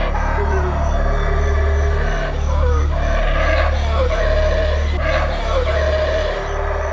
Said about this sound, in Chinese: 棕毛吼猴因震耳欲聋的叫声而闻名，它可以通过吼叫恐吓其他敌对族群，也可以在遇到危险时发出警报。